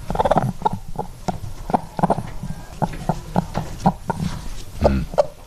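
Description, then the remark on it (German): A hen, the first of several, clucks in a rapid, uneven series of short, sharp notes over about five seconds, fairly loud, with no talking. “Klingt wie so ein Huhn.”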